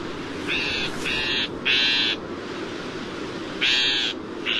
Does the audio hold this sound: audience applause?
no